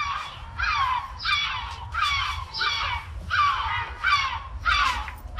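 Yellow-legged gull calls ring out in a steady series of about six harsh, loud squawks, evenly spaced, over a low rumbling background.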